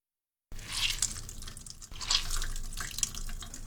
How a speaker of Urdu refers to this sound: پالک کو ٹھنڈا کرنے کے لیے کئی بار پانی سے نتھاریں اور اس کے بعد اضافی پانی نکالنے کے لیے اسے دبا کر اچھی طرح نچوڑیے.